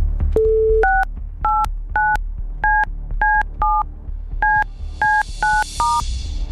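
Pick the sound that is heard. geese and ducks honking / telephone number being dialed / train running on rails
telephone number being dialed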